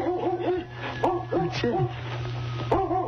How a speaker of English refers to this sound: That's a dog back here in the woodshed. I wonder what kind of a dog. I wonder. You'd fit right in my pockets.